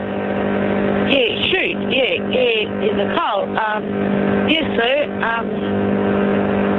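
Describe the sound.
A steady, muffled rumble of car road noise comes through a narrow, tinny phone line, with a person talking over the constant drone.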